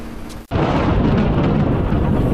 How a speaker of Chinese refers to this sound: 昨晚，天津市气象台发布雷雨大风蓝色预警，全市大部分地区出现雷阵雨天气，最大降雨量出现在冀州杨金庄，达到46.4毫米，中心城区平均降雨量5.8毫米，河西、南开等地短时雨强较大，雷雨时出现6到7级阵风。